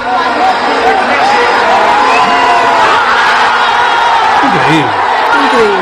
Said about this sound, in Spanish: Bangladesh también se hizo tendencia. Así se gritó el tercero, de Messi.